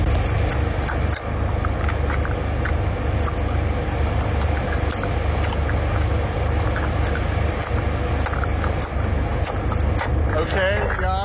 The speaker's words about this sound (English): So the owner is chewing out loud.